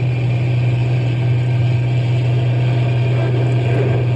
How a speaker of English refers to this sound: I'm going as fast as the truck will go. We'll go faster anyway.